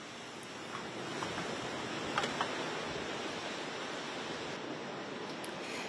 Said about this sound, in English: Earlier, huge waves crashed along the beaches of the Florida Panhandle in Alabama.